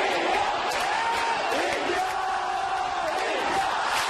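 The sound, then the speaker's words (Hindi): A large stadium crowd at the BWF badminton World Championship in New Delhi, India, roars and cheers continuously, a dense wash of voices with rising shouts and scattered applause, loud and sustained throughout. “और सबसे बढ़कर स्टैंड्स में उमड़ते वो दर्शक जिनकी तालियों से खेल में जान पड़ती है।”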